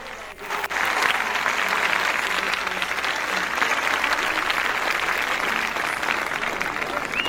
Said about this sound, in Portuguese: Então, para tudo isso, vamos aplaudir, não é? Esse dia que começa, e que seja um dia feliz e abençoado para todos nós. Vamos lá.